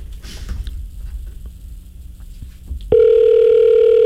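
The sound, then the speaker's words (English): Faint rumble and a few soft clicks, then the ringing tone of an outgoing call to a local phone number cuts in abruptly: a loud, steady electronic hum that holds unbroken through the final second or so. “Pick up the phone. Come on. Pick up the phone.”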